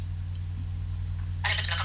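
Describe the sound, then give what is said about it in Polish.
Near the end, after a quiet stretch with a steady low hum, comes a single short, bright electronic click-like tone as the Enter key is pressed on a phone after a PIN code is entered. “Naciskam teraz Enter.”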